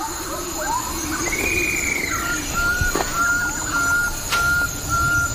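Bird-of-paradise calls: a rising whistled squeal, then a few sharp, clipped notes and steady mid-pitched whistles over a constant buzzing background of insects. No one speaks.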